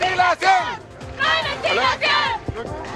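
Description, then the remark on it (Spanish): Protesters standing in the middle of the street at a red light on Avenida Presidente Ibáñez in Puerto Montt chant together over infrastructure problems, in loud, rhythmic bursts of shouted voices, the phrases rising and falling in repeated waves with brief pauses between them. “Esa es parte de lo que están señalando ahora, sus cánticos que están realizando con el objetivo justamente de dar a conocer su descontento por problemas de infraestructura que acusan en esta sede ubicada en Avenida Presidente Ibáñez, en Puerto Montt.”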